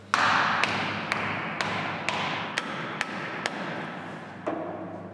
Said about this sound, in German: So, das mag jetzt irgendwie ein bisschen verrückt aussehen oder einem so vorkommen, dass wir da Keile reinschlagen mit einem Hammer mit relativ großer Gewalt.